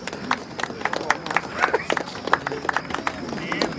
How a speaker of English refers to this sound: The monsters applaud and crane their heads round to spot the winners, unaware it's them.